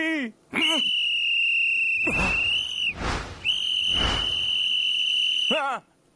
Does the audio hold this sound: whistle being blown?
yes